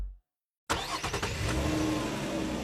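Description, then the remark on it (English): After a brief silence, a car's engine and rushing wind noise cut in suddenly and stay loud and steady, as if heard from inside a moving car with the windows rolled down and the moonroof open. “I got the windows rolled down, the moonroof open.”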